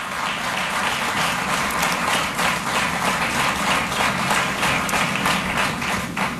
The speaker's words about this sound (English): I'm sure the 127 new MNAs will work in that direction, and I think we should all give them a hand of applause.